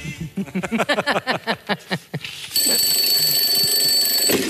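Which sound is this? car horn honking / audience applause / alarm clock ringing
alarm clock ringing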